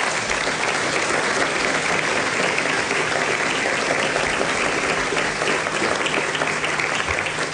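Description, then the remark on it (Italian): Sustained audience applause for the staff of ICE, a dense, steady wash of many hands clapping at an even loudness throughout, with no voices standing out above it. “Nel frattempo vorrei ringraziare e chiederei un applauso a tutta la struttura dell'ICE, che sono anche collegati dall'estero.”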